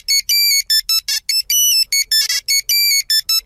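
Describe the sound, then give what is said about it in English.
A classic Nokia 3310 phone ringtone plays loud: a quick, bright electronic melody of short beeping notes in a bouncy rhythm, with no voices over it. “wrapping up our throwback lunch on Star 102.7 and throwing it back to the days when we were all rocking the old Nokia 3310 phone.”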